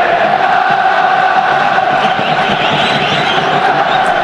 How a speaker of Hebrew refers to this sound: תשמע. וואו, איזה עידוד. בוא ניתן לקהל רגע לדבר לפני שנעבור לשריקת הפתיחה. תשמע את אוהדי בית"ר ירושלים.